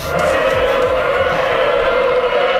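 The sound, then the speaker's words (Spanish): Loud, steady engine-like roar during free practice sessions fills the whole stretch, a dense high-revving drone that holds continuous without any clear pause or fade. “Suena como motores, me han dicho. Hombre, claro que suenan como motores.”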